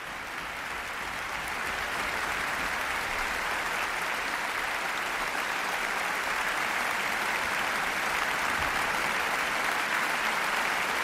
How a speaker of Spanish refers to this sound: Aplausos de nuevo para todos los profesores y su director titular, Ludovic Morlo, de la Orquesta Sinfónica de Barcelona y Nacional de Cataluña.